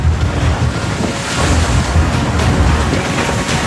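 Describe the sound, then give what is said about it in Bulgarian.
Rough sea waves at force 4 churn and crash continuously while strong wind roars and buffets, a loud, steady wash of noise with no voices, in dark, rainy weather as the 22-metre border police ship Burgas comes alongside the 136-metre ship Chelsea 3. “При вълнение от 4 бала започва сложна операция, при която дори сантиметрите са от значение.”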